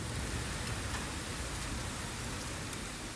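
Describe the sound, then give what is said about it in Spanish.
An intense afternoon hailstorm in Talavera de la Reina, Toledo, Spain, lasting about 15 minutes, pours down in a dense, unbroken roar, with sharper impacts cracking through the steady hiss. It stays loud, with no voices. “Esta es la intensa granizada que ha caído esta tarde en Talavera de la Reina, en Toledo.”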